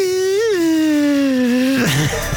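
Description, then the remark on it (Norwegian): A voice imitates the engine of a small Suzuki Swift Sport car: a loud, buzzy sustained hum that bumps up briefly, then slides slowly downward before breaking into a short wobbling drop at the end. “Og så det ikke sånn lyd bilen min lager, for bilen min jo en Suzuki Swift Sport, en sånn liten en, så mer sånn...”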